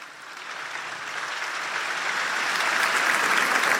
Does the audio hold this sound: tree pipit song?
no